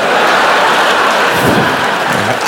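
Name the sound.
hailstorm sound effect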